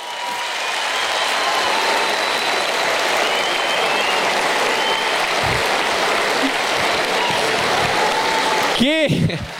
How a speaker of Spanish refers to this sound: El show, el público manda, así que pido un fuerte aplauso para mi amigo el señor Pablo Aymar. Gracias por venir, Pablito querido.